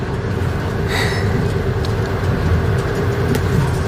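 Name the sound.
moving passenger train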